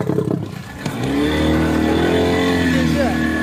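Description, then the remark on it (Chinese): A rescue boat's outboard motor, travelling through flooded villages, revs up after a brief lull into a loud, steady drone with a slightly wavering pitch, while muffled voices sound faintly in the background. “把马达拿起来。”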